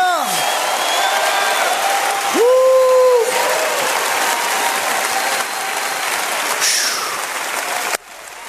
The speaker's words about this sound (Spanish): Póngase de pie, todo el mundo. Póngase de pie y empieza a gritar. Empieza a aplaudir. Empieza a glorificar. ¡Aleluya!